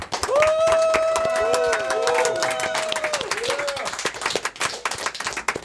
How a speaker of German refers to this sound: Ein großer Applaus für den Dijkmarsch.